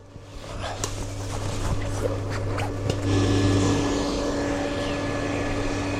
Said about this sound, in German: Gut, das ist schon so konstruiert, dass der Ventilator die ganze Zeit laufen muss. Ja. Und auch ganz schön laut ist die ganze Zeit.